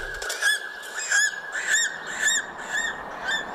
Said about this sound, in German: So weit oben leben kaum noch Tiere. Nur der Adler zieht dort majestätisch seine Kreise.